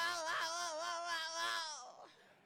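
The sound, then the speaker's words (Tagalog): A child wails loudly and continuously, a high quivering sob with a wavering pitch, trailing off into fainter whimpering after about two seconds. “Mga bata, sino na tiyay na ginahibian nyo man?”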